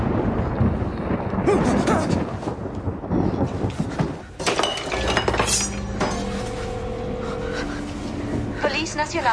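A thunderstorm rumbles loudly and continuously, with a heavy low roll of thunder and hissing rain, mixed with metallic clinks and a steady electric-sounding hum in the second half.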